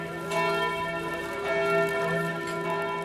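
The bell of the Herz-Jesu church rings with a sustained, resonant tone, its overtones hanging in the air as fresh strikes sound roughly every second; no voices are heard.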